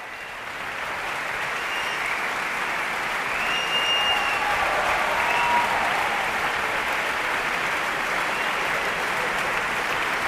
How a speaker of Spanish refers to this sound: Se van levantando las secciones de la orquesta, por eso se escuchan más y menos aplausos. El maestro Bloch les va presentando a todos ellos por la interpretación, como decimos, de esta segunda sinfonía de Mahler